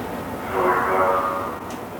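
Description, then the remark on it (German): A subway train departs after its doors close, a steady low rumble swelling as a tonal motor whine rises midway, then easing off slightly toward the end. No door chime is clearly audible. “Die Türen schließen sich und die U-Bahn fährt los.”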